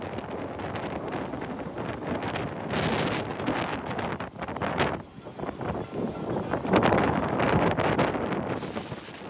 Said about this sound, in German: Der Sturm nimmt schnell an Stärke zu. Wo am Vortag noch Menschen in den Strandkörben saßen, ist vom Strand in Kiel-Schilksee nichts mehr übrig.